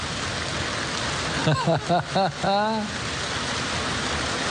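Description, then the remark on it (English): Steady rain pours down in a dense, even hiss that fills the whole stretch, while a man's voice calls out briefly in the middle over the downpour. “Thank God for the rain. Sometimes it's real heavy.”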